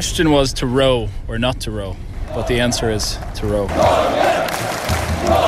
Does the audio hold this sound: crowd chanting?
yes